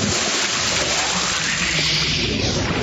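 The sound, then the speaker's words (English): Cranberry red water-based paint is stirred in a can, giving a continuous wet swishing and sloshing that holds steady for a few seconds with no voices. “Let's hop into this can of cranberry red water-based paint and stir things up a bit.”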